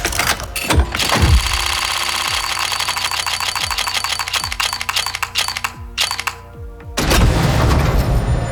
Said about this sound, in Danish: Og hvis du ikke lige er helt med på lingoen lige nu, så er det her lyden af en lootbox, hvor man altså kan vinde forskellige præmier. For eksempel noget, der kan gøre vores våben lidt sejere.